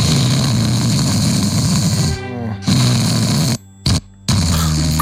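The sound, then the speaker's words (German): Loud, rough snoring rasps along steadily, then cuts out abruptly in two brief silent breathing pauses before resuming just as harshly. No one speaks. “Diese Aussetzer, da denkt man, oh, ist alles gut. Menschliche Geräusche sind generell manchmal schwierig.”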